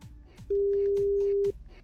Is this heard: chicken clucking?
no